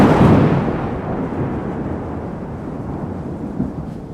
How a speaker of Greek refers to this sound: Στις 29 Νοεμβρίου του 2025 ήταν η μέρα που θα άνοιγαν το Χριστουγεννιάτικο δέντρο στο Δημαρχείο. Ακριβώς εκείνη την ώρα έπεσε ο κεραυνός.